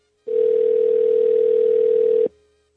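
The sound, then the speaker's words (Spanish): A telephone dial tone sounds as a call is being dialed, one steady, loud, unbroken tone lasting about two seconds, then cuts off abruptly, with no voices. “Vamos a ver, ah, mira, creo que ella se registró esta semana, vamos a ver si nos contesta, nos vamos a comunicar ya, vamos a ver si no responde la llamada.”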